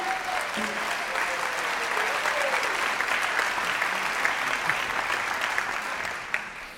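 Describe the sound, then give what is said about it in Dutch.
Sustained audience applause for the NBE, a dense wash of many hands clapping at steady volume throughout, with a few faint voices mixed in before it begins to taper at the end. “Een groot applaus voor het NBE, graag.”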